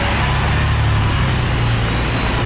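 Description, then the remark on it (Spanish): A loud Moto Buller motorcycle engine roars steadily for a couple of seconds, its pitch rising slightly as it revs, then cuts off abruptly. “Moto. Pedí tu Moto Buller en Bristol con una cuota de regalo.”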